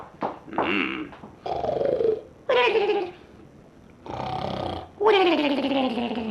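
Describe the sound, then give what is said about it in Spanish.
Loud, strange snoring from someone who has fallen asleep, in five drawn-out bursts, each a whiny, tonal sound that slides downward in pitch, separated by short quiet breaths. “¡Qué manera tan rara de roncar!”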